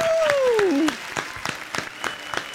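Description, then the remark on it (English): A brief burst of crowd applause and cheering played as a sound effect, loud, with a whistle-like sliding tone at the start before the clapping thins out over a couple of seconds. “Well, you've done played the applause.”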